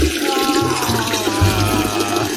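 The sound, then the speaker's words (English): A pee sound effect: a steady trickling stream of liquid runs for a couple of seconds at moderate loudness over a low rumbling hum, with no voices. “I just want to say thank you to the sound man for not using a pee sound effect.”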